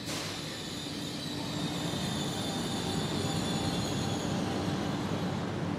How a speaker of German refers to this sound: Die Trento-Malé-Bahn, auch Nonstalbahn genannt, pendelt mit großem Zuspruch 25 Mal am Tag zwischen der Hauptstadt und den Dolomiten.